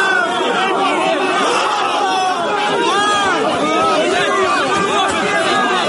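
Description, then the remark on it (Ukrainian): A large, agitated crowd of nearly 200 people in Sykhiv, Lviv, Ukraine, shouts and yells over one another around a military enlistment office (TCC) vehicle, blocking servicemen conducting mobilization; a dense, continuous roar of overlapping voices, loud throughout with no clear single speaker standing out. “Майже 200 людей блокують виїзд військовослужбовців, які на Сихові проводили мобілізаційні заходи.”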